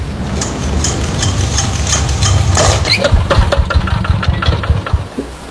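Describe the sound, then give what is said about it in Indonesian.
A boat engine at sea cranks repeatedly but fails to start, with low, uneven chugging bursts, sputtering and stalling rather than settling into a steady run, loud, with no voices. “Kenapa ini mesin tidak mau menyala?”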